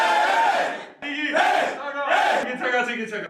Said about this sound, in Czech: Co myslí bývalý hokejista Koukal nepovedeným pokřikem, ten vychází z kabiny vždy po vítězném utkání